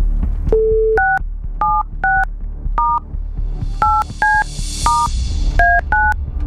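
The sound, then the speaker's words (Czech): A phone number is dialed to call a radio listener, a quick series of about a dozen short dual-tone beeps in uneven bursts, fairly loud, with a low background hum and no talking. “Tak, telefon vytočen.”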